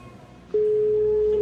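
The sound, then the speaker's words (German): After a brief quiet hiss, a steady telephone line tone switches on abruptly and holds, loud and unbroken, as redial is pressed on a mobile phone and a call connects. “Fang dies und drück Wahlwiederholung!”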